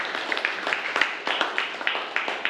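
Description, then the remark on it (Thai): A group of students claps together for a classmate's answer, a steady stream of overlapping hand claps with brief louder accents, moderately loud and sustained for a couple of seconds with no talking. “ดีมากเลยครับปรบมือเลยครับนักเรียน”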